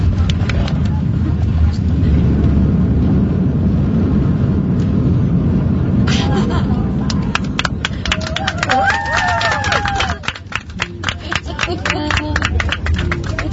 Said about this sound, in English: You did it! Yeah. People on the plane are probably like, geez, we just landed. Like, what's the big deal?